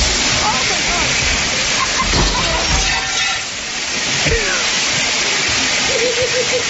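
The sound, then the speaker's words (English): Water gushes with a loud, steady roar from a broken commercial sprinkler head, spraying hard and flooding a room, continuous throughout. Faint voices and exclamations rise now and then beneath the rushing spray. “It's a huge gush. Like because she broke the sprinkler head. It's like the commercial sprinkler system.”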